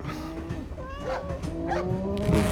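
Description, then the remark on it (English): A cow moos in a long, drawn-out low call lasting a couple of seconds, its pitch sliding and wavering, steady, with no talking. “Cow.”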